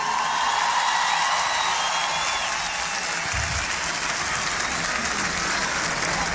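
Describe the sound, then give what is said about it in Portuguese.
A large audience at the Rock in Rio festival applauds the team and musicians, a dense, loud wash of clapping that carries on without a break for several seconds, with no voices standing out above it. “Um palmas de palmas para toda a nossa equipa, os nossos músicos.”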